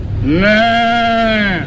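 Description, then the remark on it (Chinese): A man's voice imitates a goat with a single drawn-out, nasal bleat lasting well over a second, loud and steady in pitch before trailing off. “我这个是咩， 我这是 咩。”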